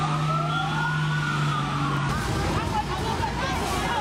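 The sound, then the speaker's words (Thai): A fire engine siren wails continuously as the fire engine arrives at a fire at the Chaloem Phrakiat building of Ban Phaeo Hospital, Samut Sakhon, around 18:00. Its rising and falling tone is loud over a rumbling engine and bustling street noise, with people talking in the background. “ตอนนี้ควันออกมาเยอะมากแล้วอะรถดับเพลิงมาแล้ว”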